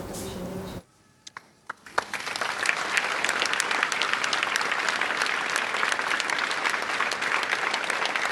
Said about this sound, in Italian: Guarda, nel momento in cui mi sono collegato con voi, è partito l'applauso dalla comunità editoriale